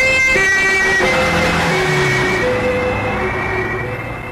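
A loud emergency vehicle siren wails, holding steady tones that shift pitch now and then over a low traffic rumble, with no one talking.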